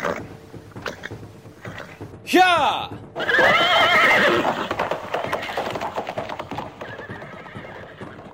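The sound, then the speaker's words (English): A horse lets out one loud, shrill whinny, then hooves clatter in a steady rhythm with a rustling, busy background. A person shouts briefly near the whinny. “Get on my horse.”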